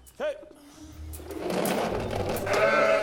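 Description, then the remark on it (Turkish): A single short bleat from a sheep on a farm, one that has not yet given birth, rises up near the start, then a steady rattling, whirring mechanical noise grows louder and fills the rest of the scene. “Koyunlar ne durumda?”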